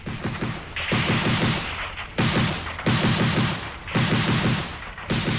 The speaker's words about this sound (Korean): 뒤쳐 산 위에서 총소리, 돌격소리가 터져올랐다. 놈들은 황급히 산 위에 대고 총을 망탕 쏘았다.